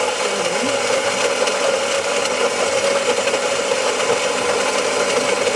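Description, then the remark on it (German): A coffee grinder inside a coffee machine whirs steadily, a loud motorized grinding with a constant buzzing drone and gritty rattle that holds unchanged throughout, with no voices. “die Kaffeemühle in einer Kaffeemaschine.”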